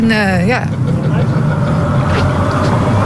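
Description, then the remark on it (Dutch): A car drives past, its engine and tyre rumble loud and steady throughout, with a brief tonal sound at the very start. “ook alweer een auto voorbij, zo gaat het maar.”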